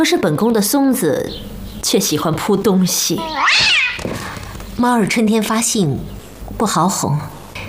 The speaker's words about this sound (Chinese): 春天了，连猫也要叫春，其他猫就会叫。